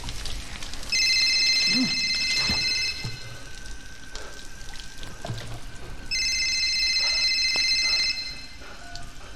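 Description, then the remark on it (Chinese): A telephone rings twice at night in steady two-second bursts separated by a pause, a strange call coming in, its bright electronic trill clear over faint background rustling and noise. “当天晚上，大卫接到了一个奇怪的电话。”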